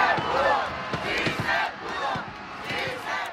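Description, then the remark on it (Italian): A large crowd in Mexico chants "Sí, se pudo" in unison and cheers for an underrated team that exceeded expectations, voices rising and falling in a steady rhythmic refrain, loud and dense throughout with a few sharp claps or thuds punctuating the roar. “Rimangono tante emozioni perché una squadra sottostimata che ha superato le aspettative ha regalato preziosi momenti di orgoglio, così come urla la folla. Sì, se pudo.”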